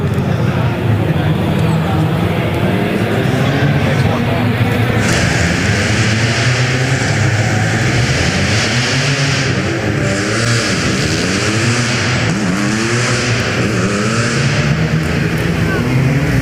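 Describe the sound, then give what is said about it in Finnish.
Several rally car engines whine and rev loudly at the finish of the World Rally Championship stage in Jyväskylä, Finland, their pitch sweeping up and down in repeated waves as the cars idle and accelerate, with a constant roar filling the background. “Joo, maalipäässä naukuu myös muut autot, koska tää lähtö...”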